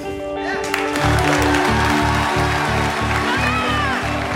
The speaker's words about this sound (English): The protesters, guests, Principal Simpson, and Tristan clap.